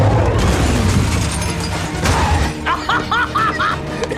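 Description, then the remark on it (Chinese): A loud explosion caused by using too much explosive: a heavy rumbling boom with crashing, shattering debris that rolls on for a couple of seconds before thinning out, followed by a few short, high, whistling chirps. “吓我一跳，怎么回事？炸药放多了对吧？”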